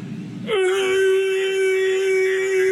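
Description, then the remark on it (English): A person's voice imitates a T-Rex roar mating call: a brief low growl gives way to a loud, long, steady wailing cry held at one pitch until the end. “Now it's time for the mighty T-Rex roar mating call to woo the ladies.”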